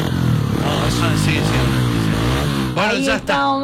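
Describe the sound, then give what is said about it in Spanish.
A loud motorcycle engine with an open exhaust revs up and down steadily, its rumbling pitch swelling and falling, while voices briefly cut in near the end. “¿Es un escape libre?”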